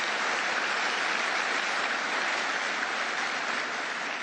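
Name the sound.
audience applause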